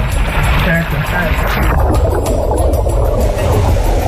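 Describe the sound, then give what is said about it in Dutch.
A car plunging into water, driven in deliberately as an activity to learn what to do if it happens: a loud, steady rush of churning, gurgling water with a deep rumble underneath, turning more muffled partway through, with faint muffled voice sounds mixed in. “Hij had bedacht om bijvoorbeeld met een auto te water te gaan.”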